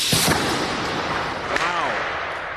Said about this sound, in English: Here, slamming a 2x4 simulating tornado debris into a door at 100 miles an hour.